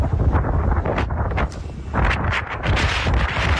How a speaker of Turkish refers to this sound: Önce toz bulutu gökyüzünü kapladı. Ardından kuvvetli rüzgar etkisini gösterdi. Balkanlardan gelen soğuk hava dalgası İstanbul'a böyle giriş yaptı.